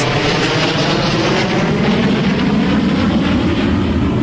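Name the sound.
airplane flying overhead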